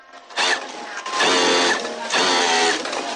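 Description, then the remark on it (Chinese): Sewing machines and overlock machines whir in three bursts of stitching, each about a second with brief pauses between, a steady mechanical buzz in the new workshop of the Xinrui garment factory in Shaping New Town, Lingshan, Qinzhou, China, as workers make garments. “崭新的车间里，缝纫机、打边机等设备不停运转，飞针走线间，一件件成衣在制衣厂员工的手下诞生。”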